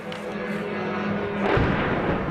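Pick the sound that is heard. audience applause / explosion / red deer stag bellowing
explosion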